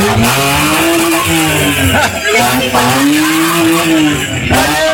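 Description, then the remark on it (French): A person loudly imitates a car engine with their voice, a steady buzzing drone whose pitch swoops up and down like revving, continuing for several seconds. “Eh, t'as vu comment on fait un moteur?”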